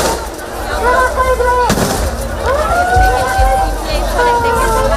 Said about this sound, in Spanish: La situación se ha desbordado en algunos momentos, por lo que la policía ha tenido, como les digo, que hacer disparos al aire y utilizar sus porras para contenerlos.